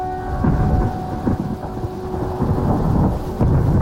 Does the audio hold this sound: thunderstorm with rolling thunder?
yes